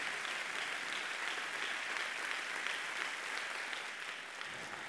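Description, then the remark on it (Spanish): Steady applause from an audience, offered to honor God, fills the whole stretch, a dense, even wash of clapping hands with no pauses and no voices rising above it. “Honrelo a Dios, si quiere honrarlo, con su aplauso.”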